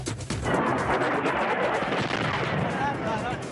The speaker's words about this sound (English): Another round of strikes and explosions in Iran, a new escalation in the standoff over the Strait of Hormuz.